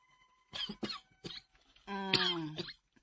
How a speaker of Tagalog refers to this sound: Unsa na'y sulti ka na mo? Ubo-ubo ka na. Naalagi ko'y ubo ron.